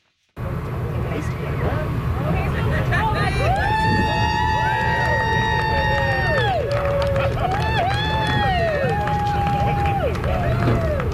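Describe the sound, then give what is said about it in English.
A small crowd of supporters cheers on the deck of the navy ship HMCS St. John's as a team of 16 crew members finishes a relay run across Newfoundland, with long rising and falling whoops and shouts over a steady rumble of wind and background noise, continuing for about ten seconds. “Some cheers there from a small crowd of supporters on the deck of the HMCS St. John's as a team of 16 crew members completed this year's Run the Rock.”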